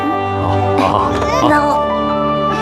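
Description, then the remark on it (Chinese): A baby grandson cries in wavering, high-pitched wails over a steady tonal background, the crying continuous for a few seconds. “哎，爸，你别老板这个脸嘛，你看小万孙都哭了，来抱一下吧。”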